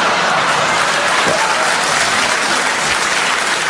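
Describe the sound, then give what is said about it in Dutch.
An audience in Hengelo applauds steadily, a dense wash of many hands clapping at an even, loud level throughout with no voices standing out. “Maar klapt u er toch iedere keer doorheen hier in Hengelo?”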